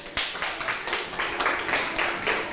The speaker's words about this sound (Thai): ถูกต้องค่ะปรบมือให้เพื่อนหน่อยค่ะ